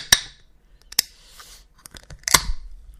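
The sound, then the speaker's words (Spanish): A beer bottle being uncapped: three sharp metallic clicks and snaps spaced about a second apart, each followed by a brief airy hiss, with no talking; the beer foams up after opening. “¿Qué pasa cuando destapas una cerveza y le sale espuma?”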